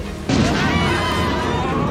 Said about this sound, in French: Non, cet orage est un peu fort, mais ce n'est qu'un orage.